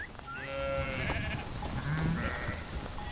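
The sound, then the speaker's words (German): Several sheep, kept for meadow landscape care, bleat across the whole stretch, overlapping wavering cries of varied pitch, with a steady outdoor background underneath and no talking. “Seine Schafe sind Naturschützer.”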